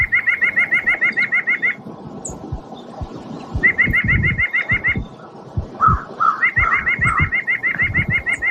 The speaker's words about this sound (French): Si vous l'avez déjà reconnu à la maison, c'est que vous êtes quand même un bon connaisseur. C'est la citelle à poitrine blanche. C'est l'oiseau qu'on va parler aujourd'hui.